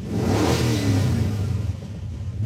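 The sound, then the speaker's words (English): A car engine revs up loudly, its pitch climbing through a strong rising harmonic whine before settling back into a steady, throaty rumble. No one speaks. “I mean, it sounds like a car.”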